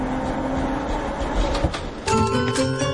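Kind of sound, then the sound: vehicle, tram running on rails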